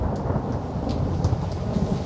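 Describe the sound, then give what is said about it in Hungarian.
A thunderstorm: steady rain hisses over a deep, continuous rumble of thunder that fills the whole stretch at a fairly even loudness, with no voices. “Zivatar.”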